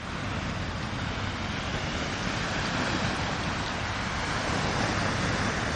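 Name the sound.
sea waves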